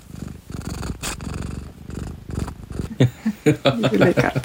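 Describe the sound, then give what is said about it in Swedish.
A cat purrs loudly in a steady rumbling rhythm, then breaks into a few sharper, higher vocal bursts near the end. “För hon är ofta med också. Det är väldigt passande för det är en del svarta katter berättelser och sådär.”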